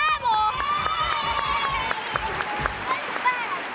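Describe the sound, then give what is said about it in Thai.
A group of people, the show's ten panel members, bursts noisily into a studio, with overlapping shouts, chatter and scuffling footsteps, loud, amid scattered claps and excited voices throughout. “เอ๊ท่านประธาน ครับ มีวันไหนที่เขาจะเดินเข้ามาแบบเป็นระเบียบไหมไม่มีนะ”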